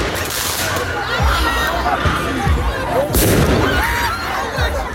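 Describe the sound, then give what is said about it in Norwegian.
Sharp firework bangs and crackles burst out several times as fireworks are fired at police during a street riot in a French city, over a loud, chaotic outdoor crowd, with shouting voices and a steady roar of street noise throughout. “Slik har det sett ut i flere franske byer den siste tiden. Med fyrverkeri mot politiet, branner i gatene og elever som løper fra tåregass.”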